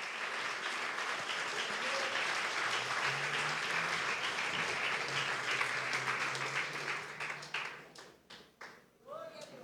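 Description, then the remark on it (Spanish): An audience breaks into sustained applause for the Lord, a dense, steady wash of many hands clapping with faint voices underneath, then thinning into scattered claps toward the end. “Si quiere regalarle un aplauso, también lo puede hacer.”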